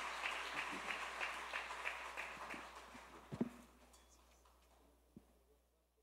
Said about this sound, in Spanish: Vamos a un aplauso a Dios por la vida de nuestro hermano presbítero